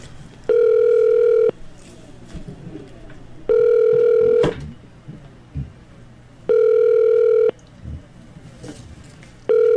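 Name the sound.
telephone call connecting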